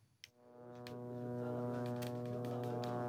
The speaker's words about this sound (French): Alors d'abord, je précise que le bourdonnement que vous allez entendre tout au long de ce duplex, eh bien, il est provoqué par un drone de reconnaissance israélien qui vole actuellement juste au-dessus